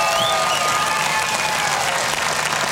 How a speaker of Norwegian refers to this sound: Så er det applaus da, for nå er de ferdig.